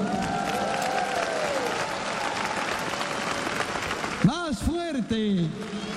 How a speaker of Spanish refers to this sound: Y por favor, a los amigos y amigas que nos están acompañando a través de la radio y la televisión en muchos países, mandémosles un fuerte aplauso.